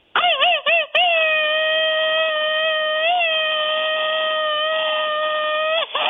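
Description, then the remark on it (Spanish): A loud, high Mexican grito ametralladora (machine-gun grito) shouted by one voice for friends from Jalisco: a quick burst of four or five staccato yelps, then one long, steady, piercing cry held for about five seconds before cutting off. “Bueno, pues, el grito ametralladora nada más para los amigos de Jalisco.”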